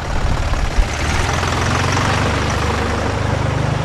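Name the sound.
tractor engine idling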